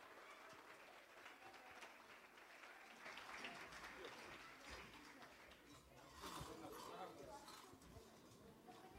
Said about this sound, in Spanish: Recibamos con un fuerte voto de aplausos, saya afroboliviana ….